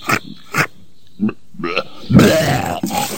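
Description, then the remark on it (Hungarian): In a spoof radio advertisement on Hobby Rádió, a voice imitates the wolf from Little Red Riding Hood vomiting: two short harsh bursts, a few grunting gulps, then a long, rasping retch, loud with no other sounds around it. “Wolf, az első farkas, aki rókázni tud.”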